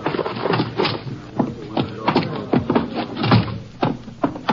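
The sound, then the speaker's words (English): A door being opened, with a series of knocks, clunks and shuffling bumps spread irregularly across the moment, and no one speaking. “I'll get the door for you.”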